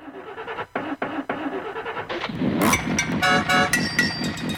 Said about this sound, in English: Sounds like me in the morning trying to get the old jalopy going.